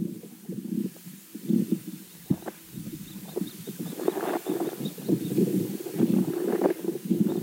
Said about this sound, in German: Also hier bin ich dann gespannt, ob man das jetzt wirklich als Bodengeräusch identifizieren kann oder ob es Störgeräusche der Umgebung waren.